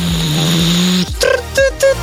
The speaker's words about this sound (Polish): I co to jest? Ekspres do kawy, no hello!